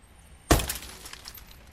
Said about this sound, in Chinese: 正当赵所长向司机们了解黑社会敲诈勒索信息的时候，突然听到大门外砰的一声巨响，赵所长的警车玻璃被人砸了。